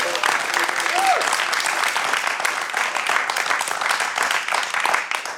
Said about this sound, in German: Und liebes Live-Publikum, bitte gebt euch zu erkennen mit einem Applaus für unseren Gast, für den Tim.